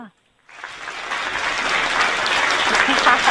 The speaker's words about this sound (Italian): Il single, la sigla, hai visto l'applauso, anche la sigla troppo forti